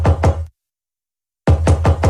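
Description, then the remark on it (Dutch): Loud knocking on a front door: two quick raps, a second of silence, then four more evenly spaced knocks, with no voices present. “En je hoort dit vanuit je voordeur komen.”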